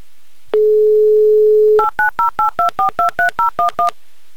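A steady telephone dial tone hums for about a second, then eleven quick dual-pitched touch-tone beeps follow in an even, rapid rhythm, loud and clear with no voices, as radio presenters dial a listener.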